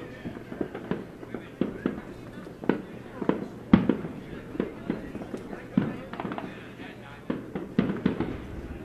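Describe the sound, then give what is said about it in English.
Fireworks go off during a baseball game, a steady series of irregular booms and crackling pops, with a murmur of voices underneath. “We got fireworks on in our backdrop right now.”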